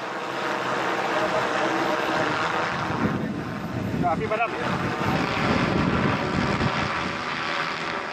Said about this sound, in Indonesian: Ada penggunaan dua drone. Pertama drone surveillance term, yaitu drone yang terbang untuk mengecek titik panas atau titik api yang ada di lokasi karhutla.